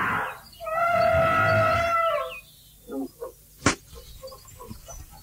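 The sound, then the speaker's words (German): A mighty elephant trumpets loudly in a jungle in one sustained, brassy blast of about two seconds, then a few soft knocks and a single sharp crack follow in a quieter background. “Alle können ihn über den gefallenen Baumriesen hinwegsehen. Auf einem mächtigen Elefanten.”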